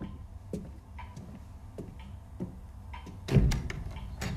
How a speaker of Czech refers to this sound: Někdo klepe, kluku. Já slyším.